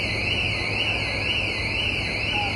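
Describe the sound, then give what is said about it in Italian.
Several anti-theft alarms on motor scooters left parked during a bomb disposal operation wail at once, after a suitcase was detonated. Their electronic tones sweep up and down in overlapping cycles, steady and fairly loud over a low background rumble. “Sono saltati qualche allarme dei motorini rimasti posteggiati durante le operazioni.”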